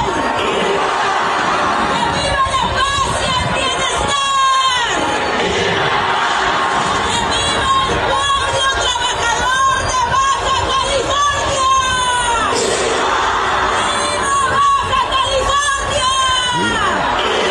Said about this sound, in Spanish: Bueno, pues vamos a escuchar a Marina del Pilar y sus gritos de viva falsos. Escuchemos.